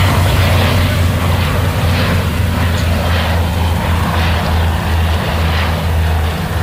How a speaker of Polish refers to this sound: jak on odpala silnik i już udaje się do akcji gaśniczej. Idą, bo chyba już nawet słychać. Teraz już widać, że idą dwa. Oni zrobią najpierw przelot taki zapoznający się, zrobią krąg i podejdą pod wiatr, żeby zrzucić wodę